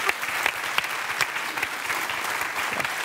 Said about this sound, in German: Klatschen hält ja auch warm, jetzt wo das so kalt geworden ist.